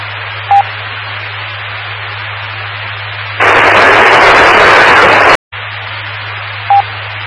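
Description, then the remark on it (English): A loud two-second burst of radio static hash as someone breaks squelch on a radio net during a roll call, breaking through a steady low hiss and hum, then cutting off abruptly, with short electronic beeps before and after. “Somebody just managed to break squelch, but all way that was hash of static.”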